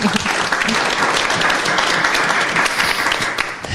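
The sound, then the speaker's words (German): An audience applauds a speaker at a discussion on research in the Lausitz region: a dense, even wash of many hands clapping at full volume that holds for the whole stretch without fading. “Ein Applaus.”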